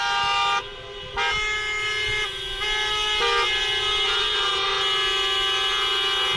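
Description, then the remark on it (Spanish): Car horns blare almost continuously from taxi drivers' cars during a taxi drivers' protest at the EHU Ibaeta campus, overlapping in loud sustained honks with brief dips, amid the rumble of street traffic. “Hacen sonar sus bocinas, por los que van a pie, van totalmente en silencio.”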